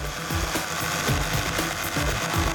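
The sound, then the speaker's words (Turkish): A jigsaw cuts through wood with a steady, buzzing motor drone and a rough, rasping chatter that pulses in a quick, regular rhythm. It stays loud throughout, with no talking. “Kesme işini oyma testeresiyle yapacaksan çizgiden.”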